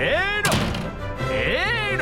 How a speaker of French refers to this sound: Moi aussi je peux en claquer des portes. Il y en a plus de 2000 des portes à Versailles. Et oui, j'ai l'embarras du choix. Et voilà une porte. En veux-tu une autre ? En voilà une porte.